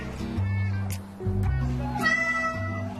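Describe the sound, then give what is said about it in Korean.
A cat named Milky, sitting in a washbasin and crying for the tap to be turned on, meows insistently in a few drawn-out, wavering cries, mixed with a person speaking over it at a steady, moderate level. “또 세면대에 안에 앉아 물을 틀어달라고 우는 밀키.”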